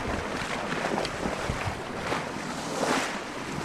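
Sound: water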